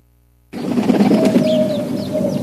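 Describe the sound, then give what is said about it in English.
After a moment of silence, a pigeon coos in a low, steady burble, fairly loud, with small birds chirping faintly in the background. “Talking Pigeon here. I'm sure that got your attention.”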